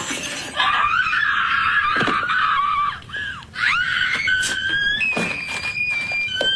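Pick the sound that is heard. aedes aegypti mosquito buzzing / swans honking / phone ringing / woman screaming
woman screaming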